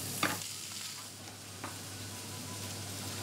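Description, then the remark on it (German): Steady frying sizzle as a whole pointed cabbage, already braised and lightly charred in the oven, is pan-fried for roasted flavour: a broad crackling hiss with a couple of sharp clinks or scrapes early and midway, no voices. “Jetzt wird er fürs Röstaroma noch mal ein bisschen angebraten.”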